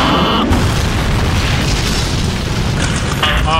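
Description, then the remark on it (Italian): Maverick's jet plane crashes into the ground with a loud, sustained roaring blast of deep rumble and noise. A high, whining engine tone sounds at the start and returns near the end. “Credo che l'aereo di Maverick, come comandante, che sia schiantato al suolo.”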